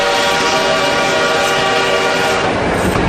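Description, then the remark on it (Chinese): A steam locomotive on the Hangzhou–Jiaxing railway in China, on the line's opening day in 1909, rumbles loudly while a long, steady horn blast sounds over it for the whole stretch, with no voices. “火车来了，这是杭州到嘉兴铁路开通的第一天。此刻不知蒸汽机车的轰鸣给这个男孩带来了多大的震撼。”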